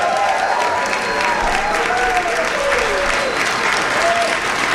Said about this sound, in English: Once again, a warm round of applause